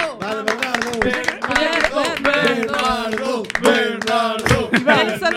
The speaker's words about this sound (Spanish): O segundo suplente, por favor, forte aplauso si nos estás escuitando.